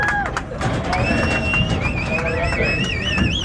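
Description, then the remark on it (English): Cowboys herding cattle from Mexico to the U.S. side through an open gate into corrals at the Santa Teresa Livestock Crossing in New Mexico, under a bright blue sky, with a steady clatter of hooves, sharp rising whistles and calls from the herders, and a busy crowd murmur underneath. “Then, the moment they had been waiting more than a year for, cowboys herded cattle from Mexico to the U.S. side and into corrals.”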